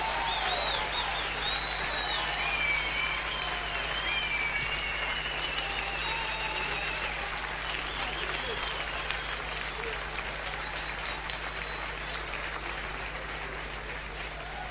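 An audience applauds the band a band steadily and fairly loudly for about fifteen seconds, the dense clapping mixed with shouts, cheers and a few whistles, tapering only slightly toward the end.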